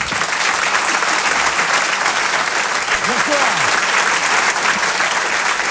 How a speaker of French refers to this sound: Je vous demande un tonnerre d'applaudissements, s'il vous plaît. Une ovation pour Selig.